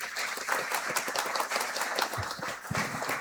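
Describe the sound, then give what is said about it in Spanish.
A crowd applauds steadily in gratitude at a ceremony as a monsignor cuts the ribbon, a dense wash of overlapping claps at a fairly even level for a few seconds, with a few low thumps mixed in and no clear speech. “Un aplauso de gratitud, de fe y de amor.”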